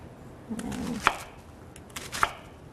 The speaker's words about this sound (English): we're gonna need a whole onion peeled and washed. I'm just gonna cut it in half, but again, this sort of has like the hard part at the end, which I'm just gonna cut off. And again, cutting it in half. Then I'm going to cut them in thirds.